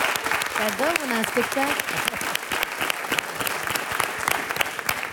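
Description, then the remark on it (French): A crowd claps steadily throughout, a dense, sustained patter of many hands. Near the start, a brief voice or cheer rises above the applause. “On peut l'applaudir.”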